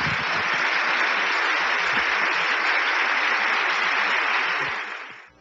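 Sustained crowd applause, a dense steady wash of many hands clapping at an even loudness for about five seconds before tapering off abruptly. No voices are heard over it.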